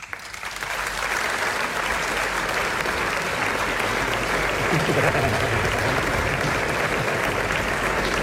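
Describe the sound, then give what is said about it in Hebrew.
Sustained audience applause welcoming an arriving guest, a dense wash of clapping that swells within the first second and holds steady and loud for several seconds, with no talking over it. “וולקאם. כפיים ממומן.”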